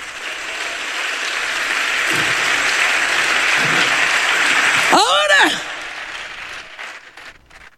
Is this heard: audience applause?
yes